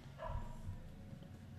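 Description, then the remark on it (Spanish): A dog barks in the street on Alvear street, heard through an open window, two short barks close together early on, then only quiet background hum. “Hay un perro ladrando en la calle.”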